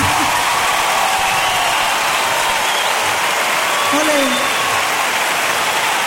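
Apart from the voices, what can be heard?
audience applause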